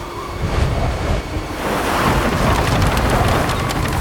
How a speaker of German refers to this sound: Was ist los? Ein Sturm kommt auf! Gib in Deckung!